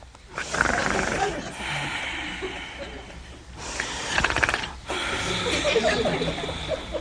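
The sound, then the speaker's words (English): A voice imitates Adam snoring in deep sleep, in a retelling of the creation of woman from his rib: three long, raspy, rattling breaths in a row, each loud and gravelly with a buzzing, ratchet-like texture and brief pauses between them. “And he was snoring.”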